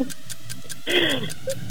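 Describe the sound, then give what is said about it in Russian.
A voice makes a brief, rasping swish with a falling tone, imitating a folding umbrella snapping shut during a 30-second sound-imitation challenge, while a steady clock ticks evenly underneath throughout. “Складной зонт. Зонт складывается.”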